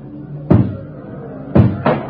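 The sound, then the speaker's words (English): Three heavy, booming thuds strike a door, one alone and then two in quick succession, as a crowd breaks it down to get into a building with a jail cell block, with a low murmur in the background. “And then when I heard the door come down, I knew I was through.”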